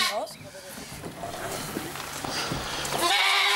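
goat bleating

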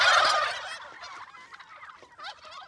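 turkeys gobbling

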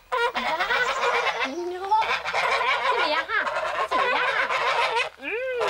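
geese honking

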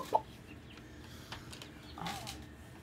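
turkey chicks peeping

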